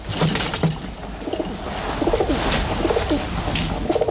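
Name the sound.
pigeons cooing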